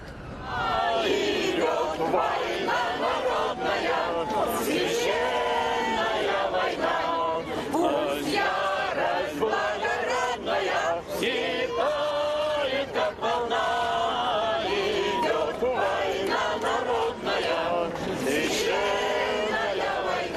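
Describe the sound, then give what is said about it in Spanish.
A large crowd out in the streets over the sacrilegious treatment of a monument shouts and yells continuously. Many voices overlap into a loud, dense roar with sharp bursts of louder cries rising out of it throughout. “Fue la propia acción lo que impulsó a esta multitud a salir a las calles.”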